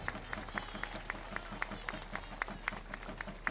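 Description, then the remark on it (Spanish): A crowd at a Catholic gathering claps together in a steady rhythm, about three claps a second, as applause to heaven and for the coming visit of Pope Leo XIV, with a soft murmur of voices underneath. The overall level is fairly quiet. “Fuerte el aplauso al cielo y apurando la visita de León.”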